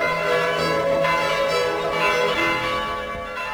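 Church bells ring continuously in a dense, overlapping peal, their sustained metallic tones layered and resonant at a steady, fairly loud level with no voices present.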